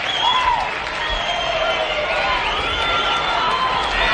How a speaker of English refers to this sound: Hog fans, really the first time all day, something to cheer about.